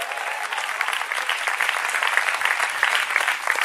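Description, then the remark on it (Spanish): A church audience breaks into sustained, vigorous applause in praise of the Lord, a dense crackle of many hands clapping at steady loudness for several seconds, with no voices rising above it. “Dele fuerte ese aplauso a su nombre.”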